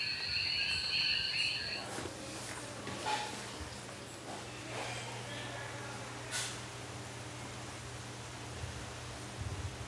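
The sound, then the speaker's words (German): Dense tropical rainforest ambience in the Rio Abajo reserve in central Puerto Rico, with a steady wash of background noise and a high, shimmering insect buzz in the opening seconds, with occasional soft rustles and chirps throughout. “Das Reservat Rio Abajo liegt im Zentrum der Insel und ist ein artenreicher Urwald.”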